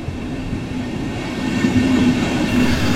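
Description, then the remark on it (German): An S-Bahn commuter train on the S1 line rolls steadily along the rails out of Munich, heading north to Freising, Germany, with a continuous rumble and a faint tonal hum, growing slightly louder toward the end, with no voices. “Mit der S1 geht's aus München raus in den Norden, in die Domstadt Freising.”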